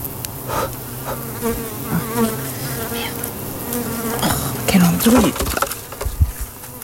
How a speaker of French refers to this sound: Ah, il y a une abeille. Oh là, sur mon téléphone. Maintenant, elle vient sur mon doigt.